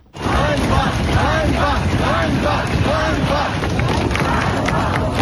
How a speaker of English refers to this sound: You can hear people shouting shame there. That's on the streets of Kyiv